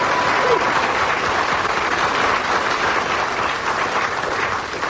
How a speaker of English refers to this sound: Anyway, I heard some applause